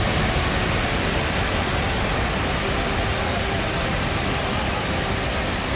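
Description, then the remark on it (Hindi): A steady, loud roar of the Been River in Rishikesh, Uttarakhand, flooding after days of continuous rain and sweeping a car into its current; a dense, unbroken wash of rushing water with no pauses, with a faint low hum running underneath. “नदी की तेज धार की चपेट में ये कार आ गई।”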